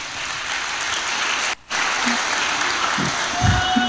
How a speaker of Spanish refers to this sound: Más fuerte, hermano, ese aplauso para el Señor.